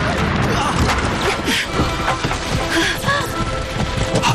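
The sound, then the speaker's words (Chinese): A dense, continuous battle din of rapid gunfire bursts mixed with booming explosions, loud and close, as if right at the door, with muffled voices shouting somewhere in the chaos, during fighting that breaks out on board a boat. “枪声和爆炸声很近，好像就在门口。”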